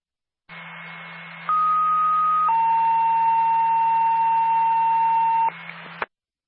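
A radio dispatch paging alert tone for an ambulance: a steady hum under a brief high tone, then a longer mid tone and a long lower tone played together, lasting about five seconds over static-like hiss before cutting off.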